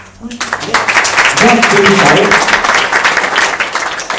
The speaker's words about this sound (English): Remember one thing, when you're clapping hands, a lot of your points, acupressure points, they become active. So then whenever you get an opportunity to put your hand together, don't feel shy.